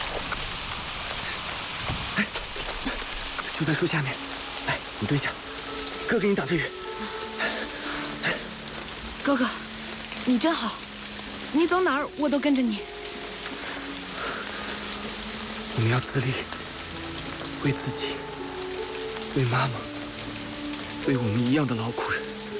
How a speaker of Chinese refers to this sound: 下雨了，怎么办呀？走，我们去屋檐下躲躲雨。